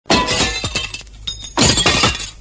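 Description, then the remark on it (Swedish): A pane of window glass shatters with a loud crash as someone walks straight through it, shards tinkling and clattering, then a second bright smash follows as more glass breaks and scatters. No one speaks. “Vem som helst kunde ha gått rakt igenom den där fönsterutan, för den fanns ju inte en chans att se den.”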